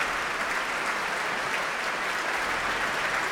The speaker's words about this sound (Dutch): En hier klinkt het applaus voor Klaus Mäkelä. En hij is op weg naar zijn plek voor het Concertgebouw Orkest.